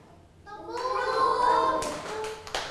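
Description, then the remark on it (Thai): Children in a class pat their laps for the Thai word 'sang' (build), a few soft, dull slaps toward the end, while a group of young voices chants the word together in a sustained, sing-song tone over them. “คำว่าสร้างต้องทำอย่างไรคะตบตักนั่นเอง”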